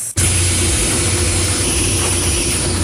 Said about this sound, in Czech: A tak se projedeme autobusem.